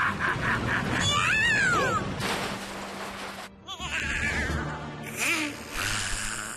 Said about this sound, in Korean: 고양이다.